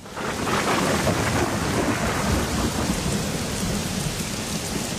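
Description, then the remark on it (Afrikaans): A thunderstorm roars steadily, with heavy rain pouring down and deep thunder rumbling through it, loud, with no voices. “En toe, een aand, is daar 'n geweldige storm in die koninkryk.”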